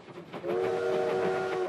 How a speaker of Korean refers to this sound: 가자! 예! 기차가 온다!